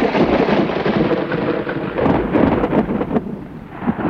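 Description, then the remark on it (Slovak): A loud thunderstorm that breaks out suddenly on a hot day: deep rumbling thunder rolls continuously over steady, dense rain, with no voices present. “V jeden horiačí deň prišla z ničoho nič veľká búria.”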